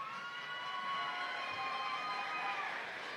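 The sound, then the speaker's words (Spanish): A studio audience at the final of La Voz Kid applauds and cheers to welcome a contestant, a dense wash of clapping with high excited voices shouting over it, loud and sustained throughout without any pause. “Un aplauso para recibirlo.”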